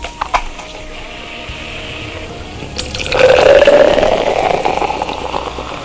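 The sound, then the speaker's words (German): A few sharp clicks, then beer pours steadily into a glass, the gurgle rising in pitch as it fills, with a bright fizzing hiss underneath. “Nochmal hier ein leckeres Gerstengetränk.”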